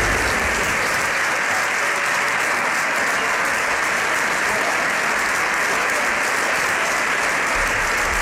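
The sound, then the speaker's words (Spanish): Sustained, dense applause as the PSOE benches in Spain's parliament chamber stand to give an ovation to the prime minister entering with ministers before a plenary session; many hands clap together at a steady, loud level for several seconds. “que entraba acompañado de diferentes ministros, toda la bancada del PSOE ovacionando al presidente del gobierno.”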